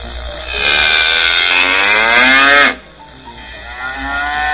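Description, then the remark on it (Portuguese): A cow lets out one long, loud moo, its rich tone holding steady for about two seconds before cutting off, leaving only faint background noise. “Antônio acercou-se da vaca, levantou-a e, sem que Bolinha percebesse, guiou-a para alto, de onde se contemplava enorme precipício.”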